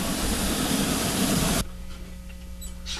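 A loud, broad rush of hissing noise cuts off abruptly, leaving a train standing in a station, idling with a steady low engine hum and faint clanks in the background.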